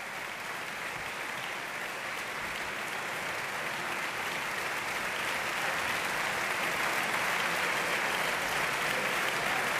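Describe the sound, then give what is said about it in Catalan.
Sustained opera audience applause as the singers Pirozzi, Bechaua and Dudnikova take their bows on either side of the stage: a dense steady wash of clapping that holds loud throughout and swells slightly toward the end, with no talking over it. “Els tres, Pirozzi, Bechaua i Dudnikova, van a banda i banda de l'escenari per saludar el públic que els rendeix aquest gran aplaudiment.”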